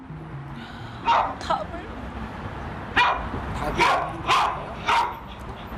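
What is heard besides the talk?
dog barking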